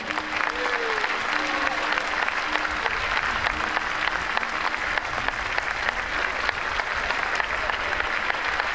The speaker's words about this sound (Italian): Il primo applauso, perché ci porta per mano in questa appassionante avventura, e mi sposto leggermente perché adesso l'applauso lo voglio veramente forte, è la grande orchestra sinfonica Tchaikovsky.